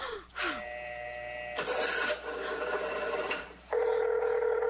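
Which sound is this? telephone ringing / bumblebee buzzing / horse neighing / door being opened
telephone ringing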